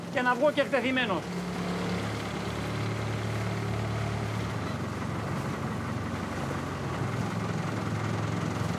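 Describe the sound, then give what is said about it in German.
The engine of a 4-metre-long red motorboat hums steadily, a low droning rumble that fades slightly after a few seconds, with a brief voice at the very start. “Ich werde durchgeben, ein 4 Meter langes rotes Boot mit Motor gefunden zu haben.”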